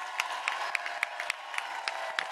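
A crowd applauds steadily, a dense wash of clapping that holds at an even level, with a few sharper, louder individual claps popping out at irregular moments.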